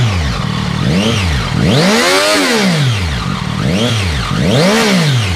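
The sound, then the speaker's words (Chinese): A motorcycle engine is revved hard through its exhaust, loud, in about five rising-and-falling blips with one longer, higher rev in the middle, at a traffic police check on the Third Ring Road service road at Liuli interchange in Chengdu, China, where officers listen for a modified exhaust. No one speaks. “我们看他那个排气改过没有，听下声音。”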